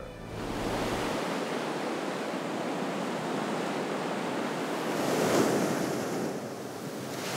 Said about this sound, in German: Und dann, schau mal. Die Farbe des Meeres, die Art, wie das Wasser durch den Felsen strömt.